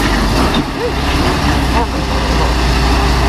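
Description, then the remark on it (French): A heavy truck engine rumbles loudly and continuously as the lorry manoeuvres in a street in Sablé where heavy vehicles are banned, guided by people and striking a street lamp, with voices talking faintly over the steady low drone. “Le poids lourd, on l'entend, touche même un lampadaire de la commune.”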